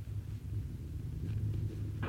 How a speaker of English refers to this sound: Hey, that sounds like shots. Yeah, but what's that thunder? That's not thunder, partner. That's cattle on the move. That's Bolton's hurting.